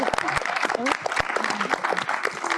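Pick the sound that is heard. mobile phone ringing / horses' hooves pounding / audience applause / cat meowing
audience applause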